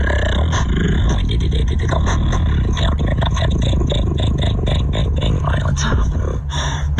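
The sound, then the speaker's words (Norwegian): Loud, dense beatboxing done toward Trump supporters as a way to debate them: a voice imitates drum hits over a gritty, growling bass, producing a steady stream of rapid, rhythmic percussive bursts with no talking. “han beatboxer til dem for å diskutere.”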